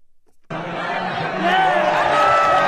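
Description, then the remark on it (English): Jubilant soccer fans in Madrid, Spain, cheering on their team as Spain beat rival Argentina 1-0 after extra time to win the World Cup championship; a dense roar of many voices that starts abruptly and swells louder partway through, with overlapping shouts and chatter. “Jubilant soccer fans in Madrid, Spain, cheering on their team as Spain dominated rival Argentina Sunday to win the World Cup championship in East Rutherford, New Jersey.”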